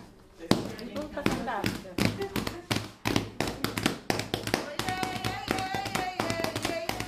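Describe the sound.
A group claps the rhythm of a song, a steady, brisk beat of sharp hand claps landing evenly while voices sing along over them and a woman dances.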